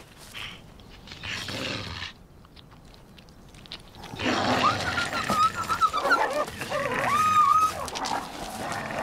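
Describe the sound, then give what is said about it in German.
Two wolves snarl and growl over shared prey, rough and loud, with threatening and submissive high whining cries and chewing noises mixed in; a quieter growl opens before the fight intensifies midway. “Bei allem Futterneid reichen Droh- und Unterwerfungsgesten aus, um die Verhältnisse zu klären.”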